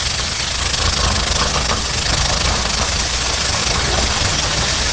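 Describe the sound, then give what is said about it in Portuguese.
A pressure cooker cooking yellow cassava hisses loudly and steadily for about five seconds, a continuous rushing noise with a low rumble underneath and no talking. “Daquela mandioca que se coloca na panela de pressão e fica lá, e fica, e fica, e fica, e nada.”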